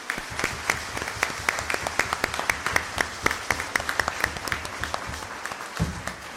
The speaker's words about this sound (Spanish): Así que, no, de verdad, muchas, muchas gracias por su alegría y su testimonio. Démosle nuevamente un fuerte aplauso.